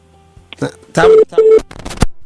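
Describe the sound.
Two short, steady beeps of a telephone busy tone sound in a quick pulsed pattern, fairly loud, mixed in with people talking over a phone line.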